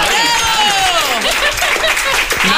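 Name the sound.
audience applause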